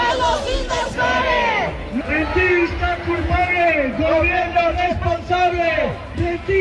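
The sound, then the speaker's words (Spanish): A large crowd of protesters demanding the right to decent housing marches from Plaza de la Encarnación toward the Andalusian government seat at Palacio de San Telmo, chanting and shouting in loud, rhythmic unison, slogans such as "¡Son los inversores!" rising and falling over a steady roar of background voices. “Estos son algunos de los gritos que se están escuchando.”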